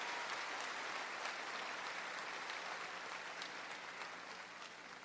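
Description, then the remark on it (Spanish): An audience applauds Jesus Christ during a sermon, clapping steadily throughout, a dense, continuous wash of applause from many hands that holds strong and fades slightly toward the end, with no voices rising above it. “Démosle un fuerte aplauso a Jesucristo por este poder y este amor para nosotros.”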